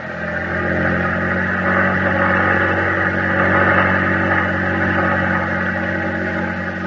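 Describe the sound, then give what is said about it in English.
A small boat's engine runs at full throttle on the ocean, droning steadily at high revs, a dense, even engine roar with strong low harmonics that holds constant for the whole stretch with no voices. “Full throttle! We're almost there.”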